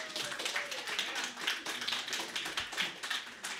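An audience claps steadily for a few seconds, a dense, continuous patter of many hands at even loudness with no talking over it.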